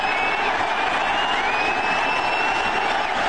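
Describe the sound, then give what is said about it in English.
A packed baseball stadium crowd at Game 3 of the World Series, Diamondbacks versus Yankees, in October, roars as George W. Bush throws a strike from the mound, a steady, loud wall of cheering and applause, with sustained whistles rising above the dense noise throughout. “And there's the pitch. Listen to that crowd.”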